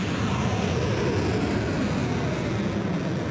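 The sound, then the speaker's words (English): A loud, continuous roar of missiles and drones launched by Iran at US military bases in Kuwait and Bahrain, a dense rumbling rush that holds steady for a few seconds, powerful, with no voices. “Iran launching missiles and drones at US military bases in Kuwait and Bahrain in the first attack since the 60-day ceasefire deal was agreed nearly 2 weeks ago.”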